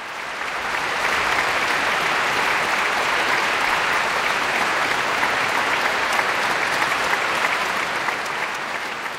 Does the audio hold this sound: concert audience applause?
yes